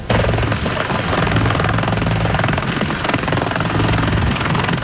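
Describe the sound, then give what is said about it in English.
A loud military helicopter roars, its rotor thumping in a steady rapid beat under a dense, continuous engine whine, as it brings Habs captain Nick Suzuki to his annual golf tournament on Île Bizard. “He arrived on Île Bizard in a military helicopter.”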